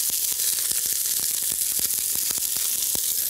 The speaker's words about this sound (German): So, wir nehmen erstmal ein bisschen Pflanzenöl. Oh, das brutzelt jetzt sehr schön.